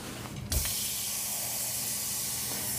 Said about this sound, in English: And we need a little bit of water, which we'll get from the tap.